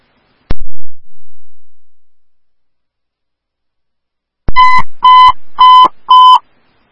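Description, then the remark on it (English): A sharp radio click, then after a pause four loud, evenly spaced electronic beeps at a steady mid-high pitch: ambulance dispatch paging tones for Oakdale Ambulance 1, sent for an ALS 6 call at 871 Gershwin Avenue North, page time 1827, with no voices. “Oakdale Ambulance 1, hear your tones for 871 Gershwin Avenue North for an ALS 6, time of page is 1827.”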